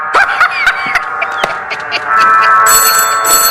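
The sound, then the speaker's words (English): A telephone rings with a steady, bright electronic trill that holds for several seconds, fairly loud, growing harsher and more insistent toward the end, with a few faint clicks underneath. “get the phone.”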